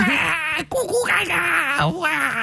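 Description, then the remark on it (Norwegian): A person's voice mimics a baby crying, with loud, wavering wails that rise and fall in pitch and break off briefly once before continuing. “vi har vært så heldige at vi har fått med oss babyen til Stian på”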